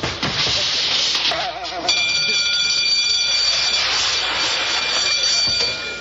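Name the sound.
alarm siren wailing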